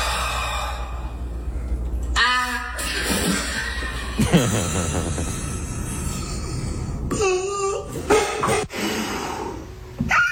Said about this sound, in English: they let all the air out of their lungs and then they try and scream